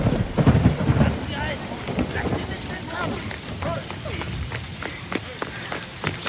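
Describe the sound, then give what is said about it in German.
Steady rain hisses throughout a thunderstorm, opening with a deep, loud rumble of thunder that fades into the downpour, with sharp splashing hits scattered through the second half. “Es war eine kalte und regnerische Nacht, als Namaya durch die Stadt Zenea rannte.”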